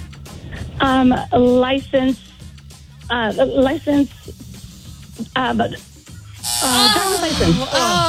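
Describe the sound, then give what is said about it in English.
A quiz game buzzer gives a few short, flat electronic buzzes in quick succession near the start, mixed in with lively voices talking over a low steady hum. “You got it the last second, but you got buzz prior driver's license, yes.”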